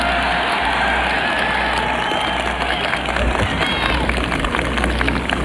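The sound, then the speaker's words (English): A large crowd in Ireland applauds and cheers steadily after a speech, a dense wash of clapping and voices that holds at a constant loud level for the whole stretch, with no single voice standing out. “The crowd, you can really hear it, Catherine, in the crowd reaction.”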